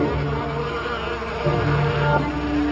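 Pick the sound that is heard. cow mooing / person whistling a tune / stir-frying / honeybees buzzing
honeybees buzzing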